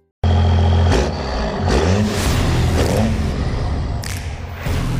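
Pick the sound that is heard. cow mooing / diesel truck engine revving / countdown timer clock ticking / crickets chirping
diesel truck engine revving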